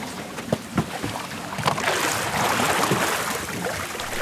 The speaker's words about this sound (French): C'est avec ça qu'on navigue le bateau, qu'on se déplace. On touche le fond de la rivière et on pousse. Ok. Et c'est une technique très particulière.